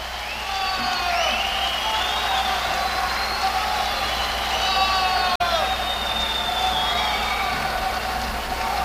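A large crowd applauds and cheers for a band without pause, a dense, steady roar of clapping layered with shrill whistles and rising whoops throughout, loud from start to finish.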